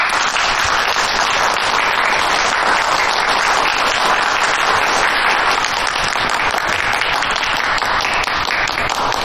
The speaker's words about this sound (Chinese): 新任督察长，掌声欢迎。